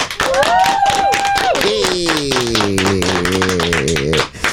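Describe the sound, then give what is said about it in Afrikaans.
A loud burst of applause played in a studio: dense, steady clapping throughout, with high cheering voices and a long sliding whoop riding over it for about four seconds before it cuts off. “Wag, ek kry sommer vir jou 'n applous hier so in die ateljee.”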